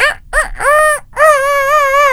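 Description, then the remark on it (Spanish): A person imitates a rooster's crow, loud: two short clipped notes, then a rising cry that breaks off and a long sustained wavering final note. “el sonido de un gallo. Bien fuerte, muy bien interpretado.”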